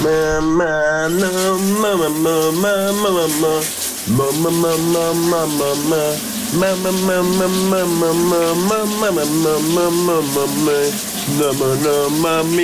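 A man sings a melody loudly and steadily in a shower cabin during a morning shower, over the constant hiss of the running shower, the water's spray filling the background throughout, with only a brief pause in the singing.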